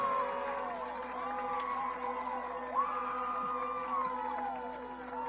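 A visiting crowd cheers wildly after a critical defensive stop by the Wildcats in a game: a steady, dense roar threaded with sliding whistle- or horn-like wails that rise and fall throughout, with no pause in the noise.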